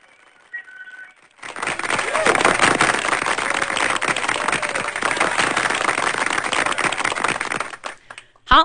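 Sustained applause from an audience, a dense, steady wash of clapping lasting around seven seconds before cutting off, preceded by a faint brief tone.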